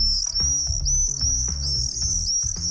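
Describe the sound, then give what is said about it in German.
A continuous, shrill, high-pitched trilling of common swift calls played back from a small white Bluetooth speaker box to attract swifts, in the Ostalb region of Germany, steady throughout, with low rhythmic thumps underneath and no talking. “Das ist er, der Mauersegler. Allerdings nicht live und in Farbe. Die Lockrufe kommen aus einem kleinen weißen Kästchen.”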